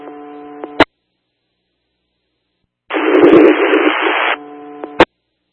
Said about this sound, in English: That's static only.